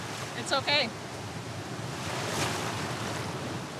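Sea waves of the Baltic Sea wash steadily onto the shore at Langeland during an open-sea swimming lesson, a constant broad rush with one wave swelling louder partway through. A couple of brief, high, warbling chirps cut in near the start.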